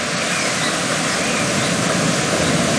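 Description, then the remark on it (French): A loud, continuous roar of the Rivière d'Argent, coming from the lake of Huelgoat, falling several metres and winding between rocks at the Devil's Grotto; a dense steady rush with no pauses and no voices. “Vous entendez, elle vient du lac de Huilgoat et chute de plusieurs mètres, serpente ensuite entre les rochers.”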